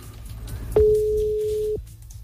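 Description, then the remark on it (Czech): A single steady telephone line tone, a clear mid-pitched beep lasting about a second, sounds over faint background hum, like a call ringing through while it connects. “A teď to vypadlo. Zkusíme tak zkusíme ještě, no, třeba jenom do toho brnkla, to se taky někde stane, že jo?”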